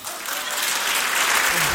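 An audience stands and applauds the Lord, many hands clapping together in a dense, continuous wash of sound that holds steady and fairly loud for the whole stretch, swelling slightly toward the end.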